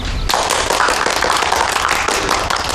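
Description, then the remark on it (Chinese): Steady applause from a small group approving a proposal, a dense crackle of many hands clapping that starts abruptly and holds at an even, fairly loud level throughout. “大家要是没什么意见，请鼓掌通过。”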